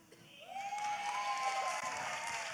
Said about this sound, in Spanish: ¡Amén! ¡Qué bonito especial tuvimos el día de hoy con este gran grupo! Y quiero que le den de nuevo un gran aplauso por todo lo que hicieron.